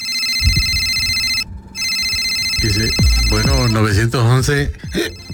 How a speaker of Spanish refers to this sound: Bueno, suena el teléfono allá en la oficina 911, ¿no?